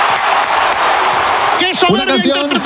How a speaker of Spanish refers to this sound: ovación.